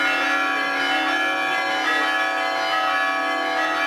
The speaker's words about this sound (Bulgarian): Камбанен звън постави началото на празничната света литургия. Миряни изпълниха храма Света Марина, който беше украсен пищно още от ранни зори.